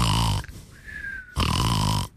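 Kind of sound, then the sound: vocal imitation, imitated snoring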